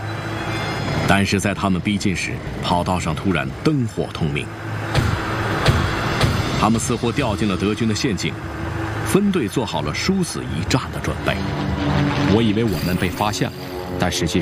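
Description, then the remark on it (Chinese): The engines of 18 jeeps roar steadily at full throttle for the whole stretch as they charge toward an airfield runway lined with German aircraft, a loud, dense growl with rising and falling pitch, with indistinct voices mixed in underneath. “吉普轰鸣着冲向机场。”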